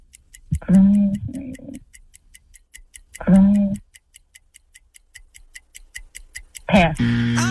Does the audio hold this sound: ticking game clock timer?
yes